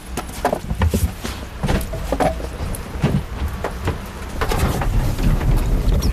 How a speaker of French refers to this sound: On remarque que le moteur part au quart de tour.